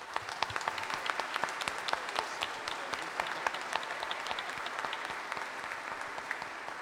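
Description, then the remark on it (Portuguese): A church audience breaks into sustained applause to welcome a deacon, many hands clapping in a dense, steady patter of sharp claps that holds at an even level for several seconds without any talking. “Então, quero pedir que todos nós, como comunidade, como família que somos, possamos acolher o diácono com uma grande salva de palmas.”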